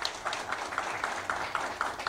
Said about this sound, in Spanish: Fuerte el aplauso.